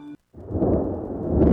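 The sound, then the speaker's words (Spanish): A short tonal blip, a moment of silence, then a loud rumble of thunder that rolls on steadily and swells slightly toward the end. “Escucha los truenos.”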